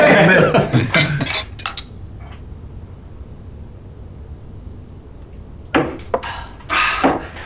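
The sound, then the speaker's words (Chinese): Glasses clink together in a toast to Marxism, a cluster of bright chinks at the start and another burst near the end, with a quiet hum between and voices around them. “好啊，让我们为马克思主义干杯！”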